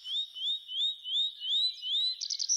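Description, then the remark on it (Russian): A nightingale sings a steady series of about seven high, rising whistled notes in even rhythm, ending in a quick run of brighter chirps. No voices. “У нас все-таки соловей мой, соловей. Давайте соловья послушаем.”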